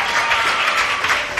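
Steady audience applause for a young quiz contestant's correct answer, a dense wash of many hands clapping at an even, fairly loud level throughout, with no voices standing out.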